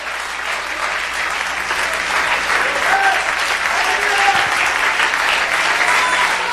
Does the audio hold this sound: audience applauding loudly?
yes